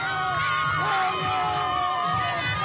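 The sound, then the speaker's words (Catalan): A loud crowd of Spain football fans cheers and shouts in celebration, calling out as champions, many voices overlapping in a continuous excited roar with whoops rising above it throughout. “No hi ha paraules, hi ha celebració, crit.”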